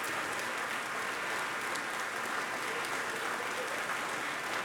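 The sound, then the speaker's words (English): Sustained audience applause in Bennett Gordon Hall as a pianist, the 2001 Van Cliburn competition gold medalist, is back on stage acknowledging it: a dense, steady wash of many hands clapping at an even level throughout, with no voices standing out. “She's back on stage acknowledging the applause here in Bennett Gordon Hall.”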